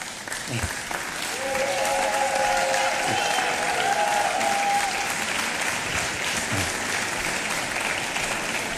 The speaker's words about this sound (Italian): È il momento quindi di far arrivare sul palco questo riconoscimento appunto della città. Eccolo qua, un applauso.